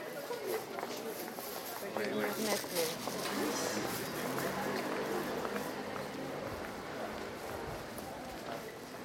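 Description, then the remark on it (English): Footsteps of several people walk along a busy street, steady, under a constant wash of murmuring voices, traffic and urban background noise. “We can hear that there are some people walking on the street as well.”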